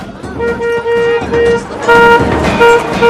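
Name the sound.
car horn blaring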